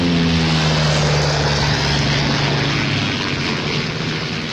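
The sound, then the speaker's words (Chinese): A small propeller airplane engine drones loudly and steadily in flight as a wanted fugitive flies the plane to escape, a continuous buzzing hum with a low throbbing pitch that eases off slightly toward the end. “被通缉的逃犯竟然驾着飞机逃跑，甚至惊动了自卫队，出动了军用机，这更成了轰动一时的新闻了。”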